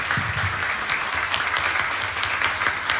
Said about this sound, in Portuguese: Vamos aplaudir de novo o Senhor.